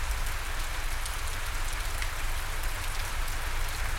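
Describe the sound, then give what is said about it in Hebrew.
Steady, dense rainfall patters continuously across a rainforest canopy, a soft even hiss with faint droplet detail and a low rumble underneath, with no voices present. “ובעדינות, בעדינות, העבירו תשומת הלב שלכם לצילים של היער גשם, לצילים של הפסנתר והסנסולה.”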